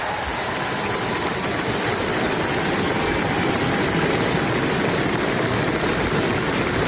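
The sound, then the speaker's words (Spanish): A large crowd gathered with national flags in the square before the Royal Palace in Oslo gives a sustained ovation to the new king of Norway as he appears on the balcony, thousands of hands clapping into a dense, steady roar at full loudness throughout, with no voices standing out. “Los aplausos, la ovación al nuevo rey de Noruega que acaba de salir al balcón del Palacio Real para saludar a los allí presentes, a las personas que se han congregado en la plaza con las banderas del país izadas.”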